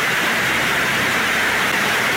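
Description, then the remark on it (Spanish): Heavy rain drums steadily on a roof in Buena Fe in the early hours of the night, a loud, dense hiss of countless impacts with no pauses and no voices. “Póngale el sonidito que sonaba el techo de la lluvia.”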